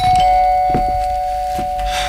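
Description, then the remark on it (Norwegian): An electronic doorbell at a front door, rung many times, chimes with a steady, sustained tone, ringing out clearly and fairly loud, with a few soft thumps and rustles underneath and no one speaking. “Nå er jeg blid og fornøyd, men du hadde kanskje ikke trengt å ringe på så mange ganger, men da fikk jeg snakke litt med meg selv, eller snakke egentlig til ringeklokka.”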